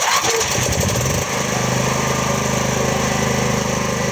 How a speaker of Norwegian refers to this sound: sjekker at generatoren utenfor huset hans virker som den skal.